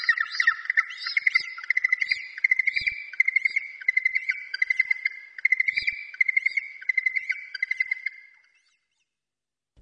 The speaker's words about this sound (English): The Hoi Haw. The Yellow-Eyed Penguin.